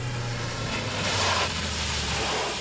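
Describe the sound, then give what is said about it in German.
A car engine hums as it pulls up at a hunting lodge, its low drone dropping in pitch as it slows, with a brief swell of tire and road noise in the middle before it settles. “Und kaum waren wir auf dem Jagdschloss angekommen, da hörten wir ein Auto vorfahren.”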